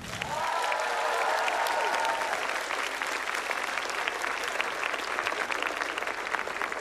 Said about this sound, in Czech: O mnoha to nevíme, tak taky pro ně krátký potlesk.